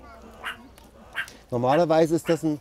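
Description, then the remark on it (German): A sentinel animal on high alert gives barking alarm calls: two faint yelps first, then a loud run of harsh, rapid barks in quick succession. “Normalerweise ist das ein Warnlaut, wo sie eigentlich auch drauf reagieren sollten und einfach verschwinden, wenn er so bellt.”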